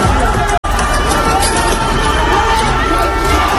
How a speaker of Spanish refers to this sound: Este sábado, decenas de miles de personas han salido a las calles de ciudades de todo el país. En la Puerta del Sol, el día ha acabado con la policía cargando contra manifestantes.